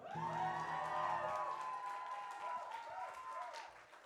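A crowd applauds and cheers steadily throughout, with high whoops and whistles rising over the dense clapping, loud and close, easing slightly toward the end.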